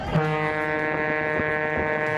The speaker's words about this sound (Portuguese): Buzinada essa, hein, cara? Aí sim, hein?